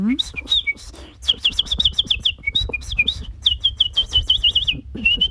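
A nightingale sings in a park in a rapid, varied stream of sharp whistles, trills and chirps, some harsh clicks among them, with faint low background rumble.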